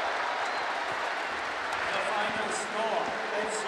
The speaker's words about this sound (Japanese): We are 東京、大きな声が流れています。東京ダービー、今節は最初の対戦は0対0からPK 戦2対4で敗れた FC 東京が90分で決着をつけました。蹴りを返しました。大きな歓声です。